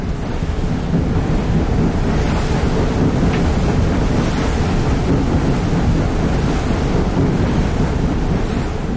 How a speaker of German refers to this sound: Der Föhn blies, schäumte den See auf und die tiefliegenden Möwen schienen sich auf den weißen Wellen zu wiegen. Man hätte sich auf offenem Meer glauben können.